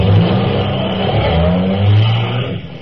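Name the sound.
car engine revving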